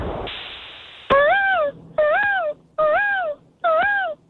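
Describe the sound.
A person imitating a peacock: four loud, nasal wailing calls, each rising then falling in pitch, evenly spaced about a second apart, with no talking.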